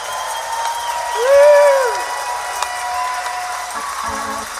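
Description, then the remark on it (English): A live audience at the Capitol Theater applauds and cheers in a steady, dense wash of clapping, with one loud rising-and-falling whoop cutting through near the start, during the Wheeling Jamboree's 86th anniversary show, broadcast live on WWOV 101.1 FM. “Folks, let our radio audience and those listening around the world that you're having a good time tonight.”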